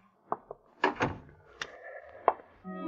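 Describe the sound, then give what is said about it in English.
A door is closed by a man holding a gun, swinging shut with a cluster of wooden knocks and latch clicks, followed by a brief creak and a final solid thunk. “After he closed the door, the man with the gun switched on the lights.”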